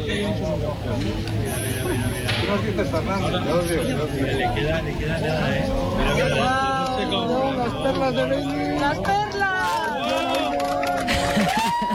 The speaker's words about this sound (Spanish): Este era el momento. Así hemos despedido la totalidad en el Observatorio de Lleves entre aplausos, lágrimas y abrazos.